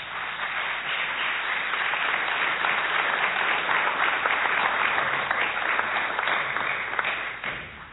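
An audience applauds steadily for several seconds, a dense, even wash of many hands clapping that holds its level throughout before easing slightly at the end.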